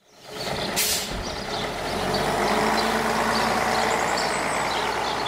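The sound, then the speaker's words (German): A short, sharp hiss of air brakes from a bus, followed by a steady low diesel engine rumble as it idles at a bus stop near Reichertshofen in Upper Bavaria, Germany; no one speaks. “Eine Bushaltestelle in der Nähe von Reichertshofen in Oberbayern.”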